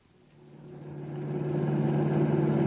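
A car engine roars as the car speeds along at 90 with the accelerator only halfway down, its steady hum growing louder and building in intensity over a few seconds, continuous with no voices.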